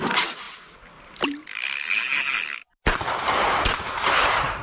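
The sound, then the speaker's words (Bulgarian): Loud bangs ring out, one trailing into a falling whistle, alongside a buzzing tone. After a brief silence, a fishing sinker plops into water amid steady noise and another sharp bang. No one speaks. “А така, сега след като чу гърмежите и заветното цопване на въдичарската тежест във водата, можем ли да започваме?”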